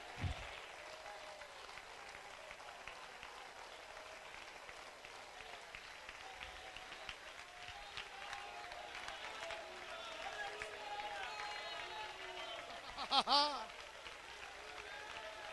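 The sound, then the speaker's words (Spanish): An audience in La Unión, El Salvador, including the women, applauds to the glory of God in a dense, steady wash of clapping that keeps going throughout, with voices calling out underneath and a sharp, high-pitched cheer rising briefly near the end. “La Unión aplaude, el Salvador aplaude.”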